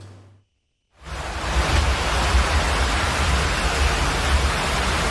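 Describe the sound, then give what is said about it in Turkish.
Heavy rain pours down in a dense, steady roar with gusting wind rumbling underneath during a storm in a city outside Istanbul, Turkey, loud after a brief silent moment at the start; no voices. “Ama biz bu hazırlığı yaparken siz İstanbul dışında başka şehirlerde yaşanan şiddetli yağmur ve fırtınanın etkisini izleyebilirsiniz.”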